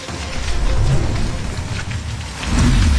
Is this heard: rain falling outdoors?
yes